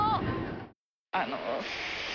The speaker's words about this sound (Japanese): 今、コジオトロッコ列車発車しました。いい音。